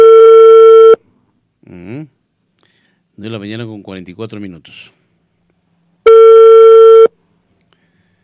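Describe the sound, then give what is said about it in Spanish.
A phone line's ringback tone of an outgoing call sounds twice, each a steady one-second electronic hum, loud, about five seconds apart. Between the rings a person speaks briefly. “A ver si nos cogen el teléfono.”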